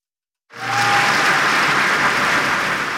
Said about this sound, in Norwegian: I går så ble Kong Harald hedret også på fotballbanen. Foran alle de 8 kampene I Herrenes Eliteserie så var det minnemarkering som ble avsluttet med 1 minutts applaus.